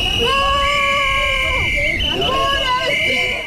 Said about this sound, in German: Und dann sind auch noch ein paar recht laute Demonstranten aufgetaucht, die etwas gegen den Ausbau der Autobahnen haben.